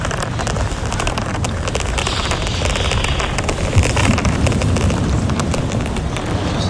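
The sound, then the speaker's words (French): Sand shifting and scraping in a steady, gritty rush, full of tiny crackling grains that keep up an even, fairly loud texture for the whole stretch with no voices. “Le bruit de sable.”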